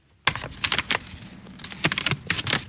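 Dry, crackling rustles of stiff paper as old pages are turned, a quick series of close, crisp bursts and flutters with no voices.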